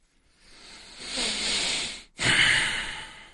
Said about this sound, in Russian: Да, уж извините за эти дыхания в микрофон